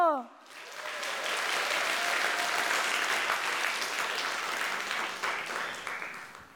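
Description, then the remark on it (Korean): An audience bursts into steady applause right after a short spoken phrase, the clapping dense and sustained for several seconds at an even loudness before tapering slightly, at a Korean traditional music (gugak) performance after the audience is asked to laugh, clap and enjoy. “그래서 오늘 공연 그냥 보지 마시고 함께 웃고 박수치고 마음껏 즐겨주세요.”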